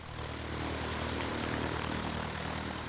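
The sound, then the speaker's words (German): A steady propeller airplane engine drones throughout, a constant low hum with a broad rushing roar layered on top, as heard from inside a small private aircraft in flight carrying children, one of them seven years old, on their first flight. “Also für einen 7-Jährigen ist es bestimmt das Beste, was es gibt, in meinem Flugzeug zu sitzen.”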